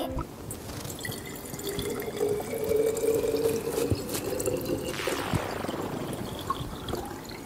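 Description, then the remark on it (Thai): Water pours steadily into a container for several seconds, a continuous splashing trickle whose hollow resonant tone shifts in pitch as the vessel fills. No one speaks. “ขอกรอกได้ไหมขอกรอกได้ไหม มั่นใจแล้วนะครับ มาขอกรอก น้องกรอกอันนี้นุ่มนวลมากแต่ถือว่าดีไม่หกรับไป10คะแนน นี่เสียงดีเสียงชัด”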